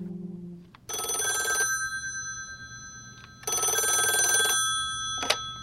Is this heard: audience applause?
no